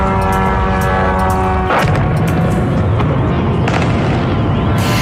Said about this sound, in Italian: Decine di droni sull'area portuale della città di Putin con esplosioni e attacchi della contraerea, colonne di fumo e fiamme nel terminal petroliferi, attacco in grande stile a poche ore dall'apertura del forum economico internazionale